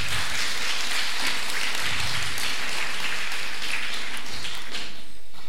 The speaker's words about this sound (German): Und wir haben natürlich auch Ehrengäste hier bei uns. Als erstes haben wir die Vizebürgermeisterin, die Brigitte Reinhardt, hier zu Besuch. Applaus.